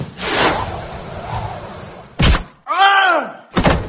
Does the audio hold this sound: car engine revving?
no